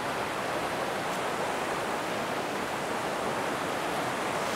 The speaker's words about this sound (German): Dass dieser Wasserfall auf unserem Grundstück liegt, es war eine riesige Überraschung. Wir sind übers Gelände gelaufen und haben bemerkt, dieser Wasserfall gehört uns.